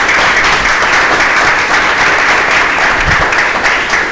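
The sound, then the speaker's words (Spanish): Sustained applause from an audience at Proyecto Hombre during the live Vive el Deporte broadcast on Vive Radio, given for the Zamora Club de Fútbol, a dense steady wash of many hands clapping at once, loud and even throughout with no voices rising above it. “Bueno, antes de nada, yo creo que primero deberíamos dar un aplauso a la entidad, al Zamora Club de Fútbol”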